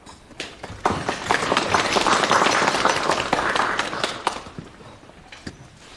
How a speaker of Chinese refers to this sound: 我说完了，下面请特派员参谋长训话，大家鼓掌。